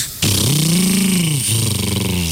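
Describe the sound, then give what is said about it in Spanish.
A voice imitates a motorcycle engine starting, a sudden loud revving drone that rises and dips in pitch, then settles into a steady rumble lasting about two seconds. “Y arrancó la moto. Arrancó la moto.”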